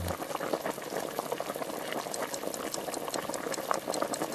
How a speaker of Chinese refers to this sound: 然后这个要放水吗？ 就要放水，等大火烧开之后，我们要用小火煮至两个小时左右。